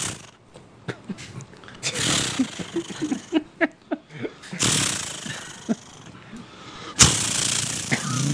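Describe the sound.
A person vocally imitates a chainsaw being started and run: a few sputtering pull-start bursts, then loud buzzing, revving roars that rise and surge repeatedly, with no other sounds.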